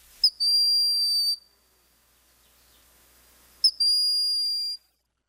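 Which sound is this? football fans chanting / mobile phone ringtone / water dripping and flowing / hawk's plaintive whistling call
hawk's plaintive whistling call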